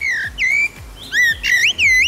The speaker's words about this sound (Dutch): Ja, soms zit hij zo s'avonds dan op een hoge boom en dan begint hij te zingen. Dat is zo gevarieerd, die zang. Dat is ja, we zullen nog eens luisteren. Dat is de merel.